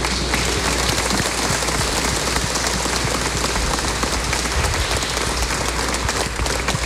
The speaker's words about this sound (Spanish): Nos damos vuelta y la asamblea les da un aplauso, por favor, también.